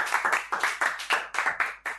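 A group of children clapping for a child who recited a poem, a quick, slightly uneven patter of hand claps that carries on steadily for a couple of seconds with no talking.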